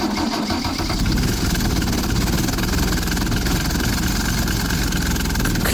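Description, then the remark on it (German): A small engine of a slope tractor known as a Bergziege runs steadily, its lawnmower-like motor chugging loudly at a constant idle with a rhythmic knocking throughout, no voices present. “Klingt ein bisschen wie ein Rasenmäher. Ist aber keiner. Das ist eine sogenannte Bergziege.”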